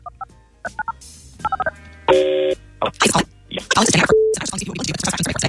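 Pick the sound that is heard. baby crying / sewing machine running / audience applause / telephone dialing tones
telephone dialing tones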